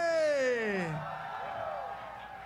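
A loud, falling cheer or whoop from the audience opens, then a steady wash of crowd noise, clapping and cheering for a rock band, continues at a slightly lower level.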